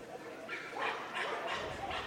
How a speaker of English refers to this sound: Couple dogs still barking. See, I can't tell dogs by their bark, but I can tell that one. That, to me, sounds like a Chihuahua. That's a very high-pitched bark. But who knows?